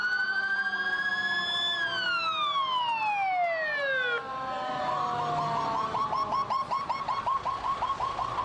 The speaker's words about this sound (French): New York est plongée dans un chaos de sirènes et de poussière. La panique est totale.